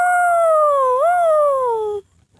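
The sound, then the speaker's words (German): A man gives one long, loud wolf-like howl, his voice sliding down, briefly lifting midway, then falling again before cutting off into quiet. “Und wieder heult er wie ein Wolf.”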